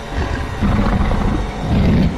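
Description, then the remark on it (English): An extremely deep, rumbling growl coming from inside, swelling in two long surges, heavy and low-pitched, with a rough throaty texture and no voices over it. “we just heard this extremely deep growl come from inside.”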